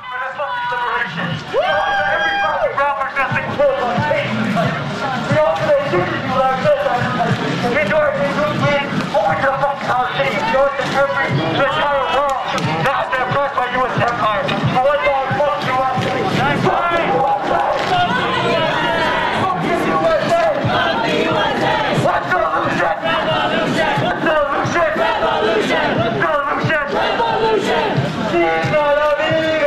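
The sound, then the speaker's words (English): A large crowd shouts and chants back in response to instructions being given to it, a dense roar of many raised voices rising and falling in waves, loud and sustained for the whole stretch with no single speaker standing out. “what is being told to this crowd, as well as what the crowd is shouting back.”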